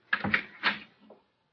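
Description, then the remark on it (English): A door opens: a quick cluster of latch clicks and rattles, a second scraping bump, then a soft low knock as it settles, over in about a second. “Open the door. We'll wake her.”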